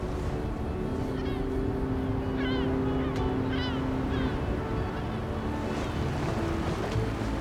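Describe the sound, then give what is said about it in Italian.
A steady, rushing wash of open sea and wind fills the whole stretch, broad and constant rather than breaking in distinct surges, with a few faint high chirps midway. “Il mare è sempre più vicino.”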